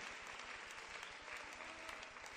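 An audience claps loudly and steadily in applause for the Lord, a dense, even wash of many hands with no pauses and no talking over it.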